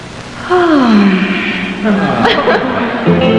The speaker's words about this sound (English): Bachelorette number two, let me hear your sexiest yawn.